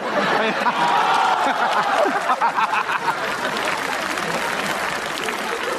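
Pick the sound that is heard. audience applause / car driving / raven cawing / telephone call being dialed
audience applause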